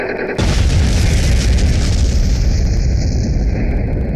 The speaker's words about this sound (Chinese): 1964年，中国第一颗原子弹爆炸